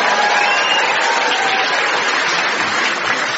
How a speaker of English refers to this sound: For example, who the hell is this? And I give him 3 months. Applause and muttering, please.